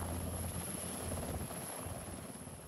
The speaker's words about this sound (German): Für die Feuerwehrleute der Freiwilligen Feuerwehr Friedrichskoog war das ein ungewöhnlicher Einsatz. Zum Brand geht es nicht mit Feuerwehrautos, sondern mit einem Hubschrauber der Bundeswehr.